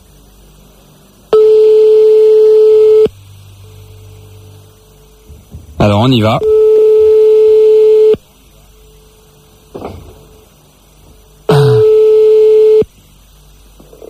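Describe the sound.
Telephone tones: long, loud, steady ringback buzzes repeat with pauses, interrupted by short bursts of warbling, shifting dial tones. A voice speaks briefly in between.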